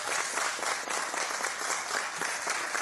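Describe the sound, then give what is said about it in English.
An audience in a hearing room breaks into sustained applause, dense overlapping claps forming a steady, even wash of sound with no pauses across the whole moment. “Was there an applause light in there? No, there's not. And I didn't think so. That was organic, wasn't it?”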